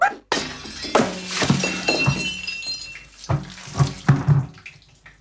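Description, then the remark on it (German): Water splashes and sloshes in a pot full of water with clattering of metal and glassy clinks, a busy burst of handling sounds, no one speaking. “Da ist noch ein Topf voll Wasser. Wirf den auch noch runter, dann kannst du den Boden auch gleich aufwischen.”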